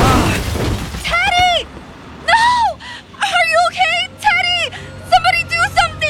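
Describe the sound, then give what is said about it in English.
A sudden loud crash of a car striking a young man's brand-new helmet, bought cheap online, with a brief shattering burst as the helmet smashes and cracks open, followed by several strained, rising-and-falling voices crying out and gasping. “Was this young man hit by a car? Yes, and I'm concerned because his helmet is smashed and cracked open.”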